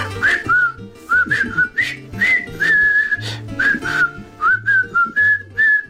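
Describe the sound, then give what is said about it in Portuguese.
A clear, tuneful whistled march melody from the soundtrack of the film The Bridge on the River Kwai, phrased in short rhythmic bursts over a steady low accompaniment, played at a lively, regular pace. “Tem uma banda sonora em assobios muito melhor do que muitos que andam para ir a cantar hoje em dia.”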